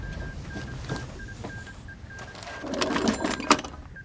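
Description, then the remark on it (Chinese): A field telephone's hand crank, turned to call the Qian front-line position from division headquarters, ratchets with rapid mechanical clicking and a thin intermittent buzzing tone, building into a louder rattling burst near the end. No one speaks. “给钱阵地打电话，问问发生了什么事。”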